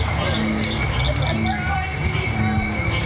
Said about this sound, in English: As the sky turns dark and the barely worn path is lit up by headlamps, more and more frogs start to sing.